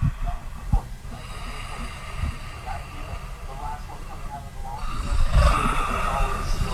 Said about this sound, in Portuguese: Um tigre aqui do meu lado. Ah. Deixa eu baixar o volume aqui da TV, que tem um pouquinho de volume da TV.